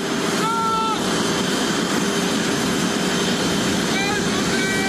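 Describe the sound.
A loud, steady roar of the idling engine of the Thai royal aircraft at an airport in France as the King and Queen arrive and descend from it, with brief high whining tones rising over the constant rumble; possible faint voices in the background.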